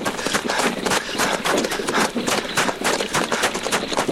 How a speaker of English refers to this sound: Captain, stop the horse. Whoa! Whoa!